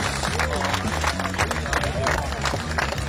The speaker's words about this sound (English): Round of applause to our brainiacs who, man, they really had to think about this one. Yeah, give it up for them.